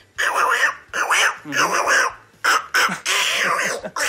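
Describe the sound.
A voice does an impression of the cartoon duckling Little Quacker, quacking in a rapid series of nasal, buzzy bursts, fairly loud, broken by short pauses over about four seconds.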